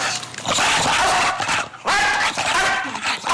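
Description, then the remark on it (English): Two loud, drawn-out barks, harsh and raspy, one after another with a brief pause between them, with no talking over them. “Like, it barks and it flaps.”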